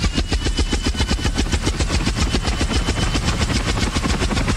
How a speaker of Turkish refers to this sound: Yoksa uçağın bu mu ha?